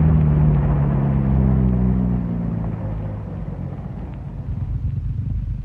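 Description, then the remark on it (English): A car rolls on a hill with a heavy low rumble, its engine tone sliding downward as it slows while its brakes are tried out, then the noise settles into a quieter, steady idle-like drone. No one speaks. “Now try out the brakes.”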